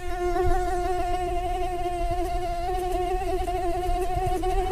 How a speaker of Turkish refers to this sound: İnsana sinir bozucu gelen bu ses la notasında ve aslında erkek sivrisinek için dişiden gelen bir aşk şarkısı.